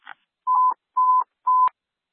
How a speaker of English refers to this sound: For station 74, testing tones for station 74.